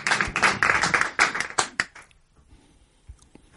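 A burst of audience applause before a theatre piece, dense clapping for about two seconds that thins into a few scattered claps and fades to near silence.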